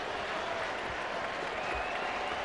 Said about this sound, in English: Pirates crowd on their feet. Here's the pitch. Taken for a strike. A four-seamer at 99. The louder they cheer, the harder Gregory Soto throws.